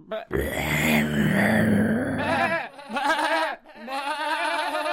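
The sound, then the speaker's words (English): A human voice imitates a wolf, giving a long, loud wailing howl followed by several shorter rising and falling moaning cries with a wavering, strained tone. “It was a wolf.”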